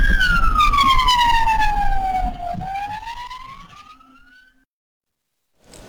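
An emergency vehicle siren wails loudly, its pitch sliding slowly down and then climbing again over heavy traffic rumble, before fading away into near silence.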